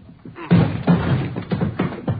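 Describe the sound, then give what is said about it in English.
A series of heavy, booming thuds strikes a door again and again in an uneven rhythm, each blow loud, as police officers batter and force the door open. “Hit the door.”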